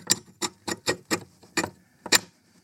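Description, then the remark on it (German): A rusty sliding bolt, used as the sound of a sticking door, eased slowly aside, giving about seven sharp, gritty clicks at uneven intervals, each a brief scraping jolt with short silences between and no voices. “Einen rostigen Schieberiegel oder Schlossriegel wirkt jedenfalls wahre Wunder.”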